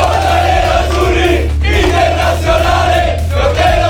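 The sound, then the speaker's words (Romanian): Inter football players coached by Cristi Chivu chant and sing loudly together in the locker room, celebrating the club's 21st league title, voices blending into a steady, rowdy roar with rhythmic surges and brief dips between phrases. “Fotbaliștii antrenați de Cristi Chivu au cântat în vestiar.”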